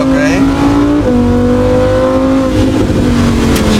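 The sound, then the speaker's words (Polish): A loud Lamborghini Huracan sports car engine revs hard and steady, its pitch shifting through gear changes, with a faint squeal of its stock production tires slipping on the surface as the car slides. “Bo auto płynie, jak zauważyłeś? Tak. Opona nie trzyma.”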